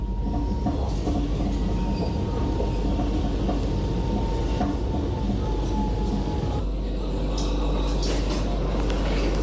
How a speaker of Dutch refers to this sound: Deze metro gaat richting Centraal Station.